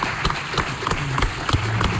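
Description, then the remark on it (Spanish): An audience at a Radio Marca tribute claps steadily as footballer Olga Carmona is invited up, a dense, continuous patter of many hands that stays fairly loud and even throughout, with a low murmur of crowd noise underneath. “Fuerte aplauso.”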